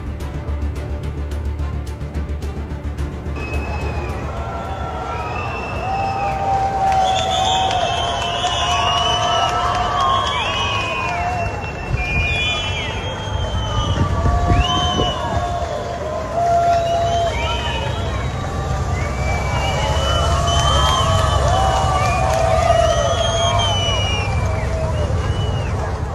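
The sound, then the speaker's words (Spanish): A large crowd inside the Santiago Bernabéu stadium whistles loudly and persistently at the arriving players, dozens of shrill, sliding whistles rising and falling over a steady roar of voices that swells after the first few seconds and never lets up. “A mí sí que me parece llamativo que se le dé esa pitada al autobús.”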